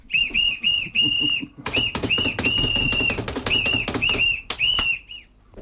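A shrill whistle is blown in a studio in a quick series of short and longer blasts, loud, over a busy background of clattering and tapping noises.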